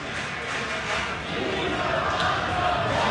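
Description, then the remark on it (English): A huge baseball stadium crowd at Citi Field screams and chants a player's name as he steps up to the plate in the top of the ninth inning, a dense, sustained roar that holds steady and swells slightly toward the end, with no single voice standing out. “The crowd screamed his name.”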